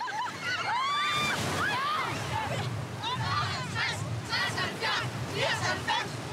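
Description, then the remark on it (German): Steady surf of the Danish sea, about 16 °C, washes and sloshes along a beach while a group of schoolchildren at a lifesaving swimming lesson shout and call out excitedly, their voices rising over the continuous rush of the waves. “So lernen wir das echte dänische Meer kennen.”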